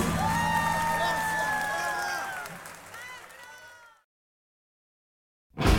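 A loud crowd applauds and cheers, with high shouts and whistles rising over steady clapping for several seconds before it fades and cuts to silence, followed by a brief burst of sound.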